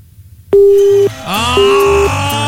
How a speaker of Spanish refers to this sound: Ahí se perdió, se perdió. ¡Malo tu teléfono